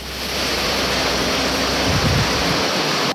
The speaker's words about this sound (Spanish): Lluvia intensísima. Lluvia de tormenta tropical en Diego Almagro.